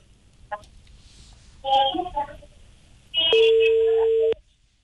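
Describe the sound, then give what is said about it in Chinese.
A phone call being placed to Beijing Depan Education Co., Ltd.: a steady electronic telephone tone holds for about a second, loud, following a few brief faint voice-like sounds. “应该正在拨打当中。”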